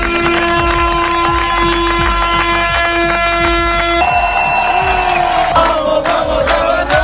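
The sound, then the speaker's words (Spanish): A crowd of fans celebrating their team's promotion cheers and chants loudly while a bus horn blares in long, sustained honks as the bus drives along the Avenida de España, the pitch shifting partway through amid the steady roar of voices. “Ayer ya llegaron, pues ya te puedes imaginar, contentos en un autobús que llegó tocando el claxon en toda la avenida de España.”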